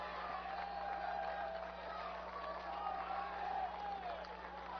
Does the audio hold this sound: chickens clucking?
no